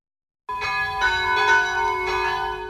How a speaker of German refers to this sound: Es ist 12 Uhr. Sie hören die Glocken des Kirchenzentrums St. Rupert in Fürstenbrunn bei Salzburg.